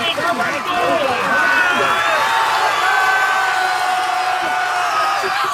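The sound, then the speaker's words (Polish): A large crowd on the beach in Dziwnów cheers loudly and continuously, welcoming a Polish ultramarathon swimmer who has just swum across the Baltic Sea after more than two days, with overlapping shouts, high whoops and excited voices blending into a steady roar for the whole few seconds. “na plaży w Dziwnowie witały tłumy.”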